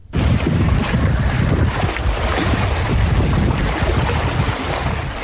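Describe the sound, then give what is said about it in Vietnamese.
Steady, full-bodied rush of sea waves murmuring at dawn off Sinh Tồn Đông island in the Trường Sa archipelago under a clear sky, mixed with gusty wind buffeting the microphone, a continuous dense wash of water noise with no voices. “Trên nền trời trong xanh như ngọc và tiếng sóng biển rì rào”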